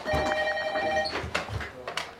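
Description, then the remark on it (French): A telephone rings with a bright electronic trill for about a second, then stops; some muffled bumps and background noise follow, with a faint voice. “Tu peux répondre au téléphone.”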